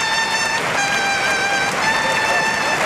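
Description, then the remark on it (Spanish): A bullring trumpet sounds at the Maestranza bullring in Seville, a series of bright, sustained notes with short pitch changes between them, rising over the steady roar of a loud cheering, applauding crowd on its feet for the retiring Luis Blázquez. “Y el clarinazo.”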